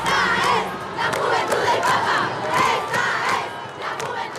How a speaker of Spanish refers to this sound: El concierto duró una hora y terminó con la ovación del público.